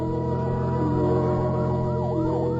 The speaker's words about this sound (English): A fire engine suddenly screaming through the night draws her swiftly from her bed to the open window.